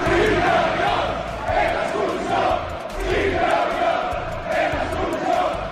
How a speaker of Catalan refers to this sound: Des del fossar, crits ultra, simbologia neonazi i proclames insults contra l'esquerra independentista.